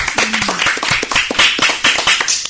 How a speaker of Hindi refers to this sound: बहुत बढ़िया, जोरदार तालियां इस कविता के लिए।